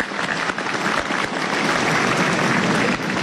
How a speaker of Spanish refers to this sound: Vamos a aplaudir a todo nuestro pueblo generoso.